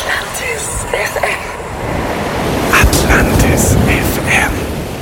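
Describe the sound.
Sea surf on an island washes steadily onto the shore, a broad, rushing roar that swells louder halfway through, with faint voices briefly audible beneath it.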